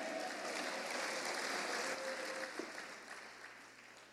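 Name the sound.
audience applauding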